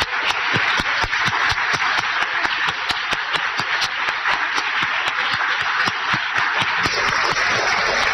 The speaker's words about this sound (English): to please stand for one final round of applause for sharing your incredible stories today.